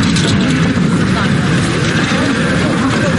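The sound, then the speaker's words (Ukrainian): A Ukrainian unmanned ground strike robot, the 'Hiena' (Hyena) drone, able to carry up to 26 kg of explosives, drives along with a steady, loud mechanical whir and rumble, holding an even, unbroken drone for the few seconds it moves. “Це український наземний ударний дрон «Гієна». Робот може нести на собі до 26 кілограмів вибухівки.”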